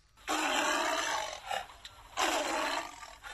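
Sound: tiger roaring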